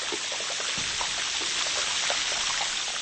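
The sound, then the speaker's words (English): A dense, continuous crackling and fizzing of pressurized air bubbles popping out of glacier ice into the ocean, heard underwater, with scattered brief clicks over a steady hiss. No one speaks. “They get to the ocean and they pop out explosively into the water.”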